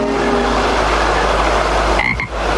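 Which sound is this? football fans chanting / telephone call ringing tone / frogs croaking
frogs croaking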